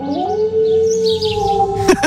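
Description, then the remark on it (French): A wolf lets out a long, sustained howl holding a steady pitch, with faint bird chirps in the background and a couple of sharp higher yips near the end. “À la rencontre des bisons, des lynx, des loups.”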